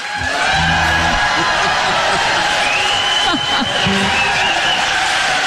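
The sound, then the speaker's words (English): A large audience at the live show Heartstrings and Honky-Tonks cheers, whoops and applauds loudly and continuously, a dense wall of clapping and shouting voices that swells in quickly and holds steady throughout. “I think everybody's caught on pretty good to the cheers and the applause.”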